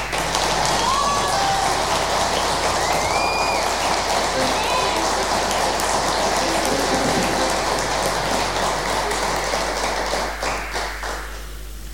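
A crowd claps steadily and loudly for about ten seconds for a band's drummer as band members are introduced, with a few whistles and shouts rising above the dense applause before it thins out and fades at the end.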